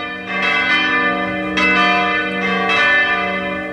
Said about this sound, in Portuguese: Olha a hora. São 6 horas, já 6 horas da manhã da segunda-feira. Hoje já é 27 do mês de julho. Vai badalando os sinos na hora bonita do dia em que se renova a fé, a esperança.